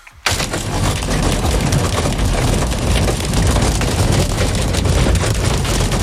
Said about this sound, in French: C'est la grêle.